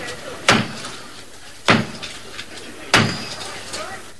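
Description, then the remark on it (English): Three heavy, ceremonial knocks strike the door of Canterbury Cathedral, slow and evenly spaced, each loud and followed by a brief echoing ring. It is the traditional knock that began the enthronement of the new Archbishop of Canterbury, Dr. Robert Runcie. “His enthronement started with the traditional knock at the door of Canterbury Cathedral.”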